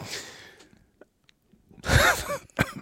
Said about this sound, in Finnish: Joo, siis ei kun mulla pikkusen yskittää tuossa.